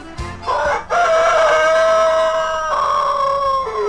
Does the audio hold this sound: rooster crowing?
yes